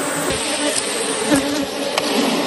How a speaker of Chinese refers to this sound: 哦，你看，你看，好多蜂蜜，还没飞走呢。 蜂窝排列有序，密密麻麻的蜜蜂附着在橙黄的蜂巢表面，似乎在护卫它们的家园。